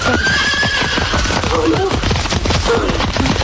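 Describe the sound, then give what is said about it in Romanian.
A runaway horse that escaped from the sultan's stable gallops by at full tilt, its rapid, heavy hoofbeats pounding loudly and steadily, with a high whinny ringing out early on. “Ăsta a scăpat din grajdul sultanului. Numai acolo s-a asemenea namile de cai.”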